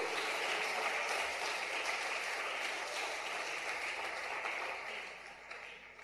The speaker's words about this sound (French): Alors on applaudit ce merveilleux sauveur.